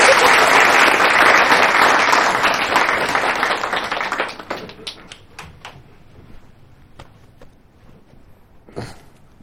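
A group of people applaud loudly with dense, rapid clapping for about four seconds to welcome a colleague about to share his experience of closing sales, then it thins out to a few scattered claps before fading.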